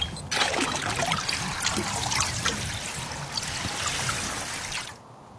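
Water trickles and sloshes steadily for about four and a half seconds, fairly loud, as a person dips their head under the water with half the body beneath the ice, then cuts off abruptly into near silence. No voices.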